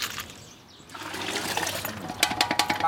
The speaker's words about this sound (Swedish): En bit längre ner på gatan håller en man på och diskar sina grytor.